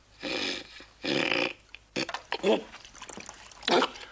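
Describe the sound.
Two quick bursts of splashing water, close and fairly loud, as if flung from cupped hands, followed by startled vocal sounds and brief muffled talk.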